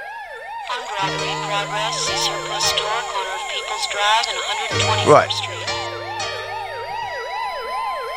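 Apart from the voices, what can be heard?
police car siren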